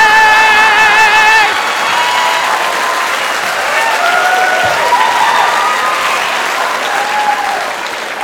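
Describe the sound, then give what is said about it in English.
A crowd of women gathered in a town square claps steadily and loudly throughout, with high-pitched cheers and excited whoops rising over the applause, especially in the first second and a half. “And all the ladies are gathered in the town square and they're all clapping, they're all excited.”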